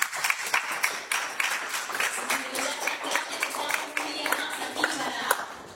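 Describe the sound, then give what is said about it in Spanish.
An audience at a church service applauds for the Lord after a prayer, with steady, dense clapping from many hands, sustained for several seconds at an even, moderately loud level, with faint voices mixed into the noise. “¿Por qué no le damos fuerte aplauso, Señor?”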